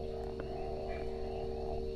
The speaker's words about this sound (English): Sinking into the peat mat. Enjoying the sounds of frogs and the like.